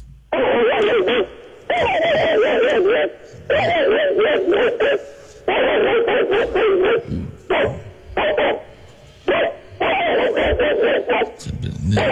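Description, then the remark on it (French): A man's voice imitates an angry mongrel dog, letting out loud, rough barks and growls in repeated bursts with short pauses, fairly continuous for several seconds. “C'est le fameux chien bâtard. Oui, tellement apprécié.”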